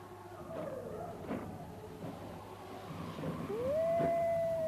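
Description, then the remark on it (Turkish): Wolves howl again, a long rising wail swelling near the end over softer earlier cries, with no one speaking. “Duydun mu? Kurtlar yine başladı.”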